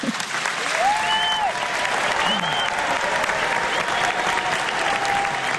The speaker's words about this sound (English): I was there when the group performed at Carnegie. They received a standing ovation. I thought it might be nice for you to both get to hear that applause again.